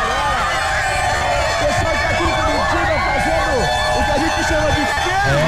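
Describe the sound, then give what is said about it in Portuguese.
A large crowd of Spain fans in Curitiba cheers and celebrates Spain becoming champions, a dense, steady roar of overlapping shouting voices and chanting with no pause, loud throughout. “Torcida da Espanha feliz da vida lá em Curitiba.”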